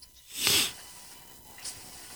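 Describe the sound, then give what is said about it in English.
A cat scratches in its litter box: one loud, hissing scrape of litter, then a shorter, fainter scratch a second later, with no voices. “I hear him scratching in there.”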